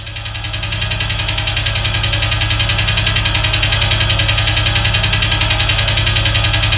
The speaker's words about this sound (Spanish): saca esa música, me asusta. Yo pensé que estaba temblando. Uy, se me aceleró el corazón.